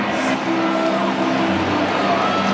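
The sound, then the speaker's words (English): A steady roar of St. Louis Cardinals fans cheering at a baseball game at American Family Field, loud and continuous, with broad noisy texture and some sustained tonal hums underneath, no clear individual voices. “The cheer you just heard was from the Cardinals fans here at American Family Field.”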